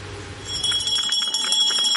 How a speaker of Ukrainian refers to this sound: Звуки останнього дзвінка сьогодні лунають без сигналу повітряної тривоги.